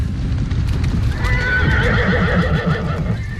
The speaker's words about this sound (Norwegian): Snart kommer det en flokk med hester forbi oss I full fart.